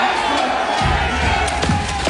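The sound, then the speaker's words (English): Thousands of Kitchener Rangers fans cheer and roar steadily at a rally in downtown Kitchener sending the team off to Kelowna, BC, a dense wall of shouting voices with a few sharper whoops and thumps breaking through near the end. “Thousands of Kitchener Rangers fans took over downtown Kitchener for a rally yesterday to send the team off to Kelowna, BC.”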